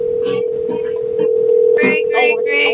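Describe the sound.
A steady electronic telephone tone hums continuously while placing a large group phone call, fairly loud and unbroken, while muffled voices chatter faintly over it.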